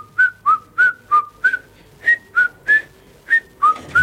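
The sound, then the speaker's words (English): A lone whistler plays a short, wobbly tune of about ten choppy notes that drift off pitch, each one breathy and clipped, fairly loud with no talking. “That was a hilariously out of key whistle, but you know exactly what you're dealing with as soon as you hear that.”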